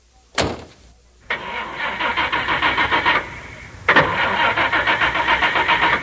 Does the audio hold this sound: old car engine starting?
yes